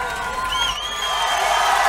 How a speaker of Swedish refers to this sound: Men samtidigt så sitter Liam på balkongen ovanför scenen då, med sin onda hals, men kedjeröker och samtidigt som han hinkar öl och häcklar sin brorsa. Nu hör man inte vad han säger, men man hör att publiken äggar på honom.